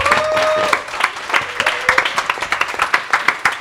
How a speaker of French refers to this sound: Merci à La Fabrique, vous pouvez les applaudir.